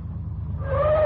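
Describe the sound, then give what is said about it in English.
A low engine rumble builds steadily, with a rising whine emerging partway through as a taxi draws closer and grows louder. No one speaks. “I remember my relief when I heard the car coming.”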